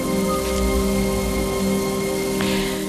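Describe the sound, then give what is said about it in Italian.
Steady rain pours down in a continuous wash of noise, with drops pattering on a hard surface and a low rumble underneath; no one speaks. “Se solo smettesse di piovere. Non può piovere per sempre.”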